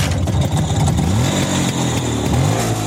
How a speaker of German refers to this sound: Eine entspannte Runde mit dem Motorrad aus dem Jahr 1959, das steht bei Ihnen auf dem Programm.